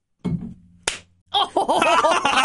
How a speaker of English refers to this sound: Do I need to slap you real quick? Yeah, probably.